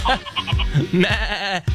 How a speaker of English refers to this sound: Victoria, are those goats? They are goats.